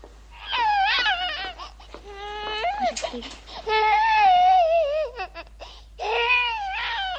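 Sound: baby crying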